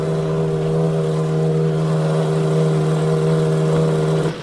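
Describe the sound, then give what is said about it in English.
Several race car engines at the 80th running of the Indianapolis 500 drone loudly at a steady, buzzing pitch before the race start, holding a constant idle-like roar before cutting off abruptly just before the end as the drivers are ordered to stop their engines. “We have word that the drivers have been ordered to stop their engines.”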